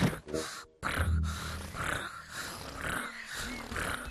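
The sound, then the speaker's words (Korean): A voice pretending to be a tiger imitates the sound a tiger makes when it feels good, a low, rough rumbling purr held steadily for about four seconds with slight rises and dips, broken only by a brief pause near the start. “그리고 호랑이는 기분이 좋을 때 이런 소리를 내.”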